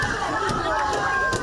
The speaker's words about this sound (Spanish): Entre golpes al furgón de la Guardia Civil